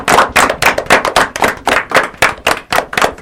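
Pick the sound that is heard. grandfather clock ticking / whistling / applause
applause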